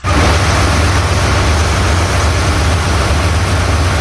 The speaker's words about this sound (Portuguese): Eita, esse motor que fica aí não dá pra mandar áudio mesmo, não. Olha que motorzão. Ah, é isso aí que mantém o bicho do garimpo funcionando.